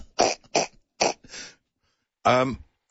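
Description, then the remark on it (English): Four short, rough coughs from a bug that is going around come in quick succession, followed after a brief pause by a louder voiced, throaty hack. “A cough.”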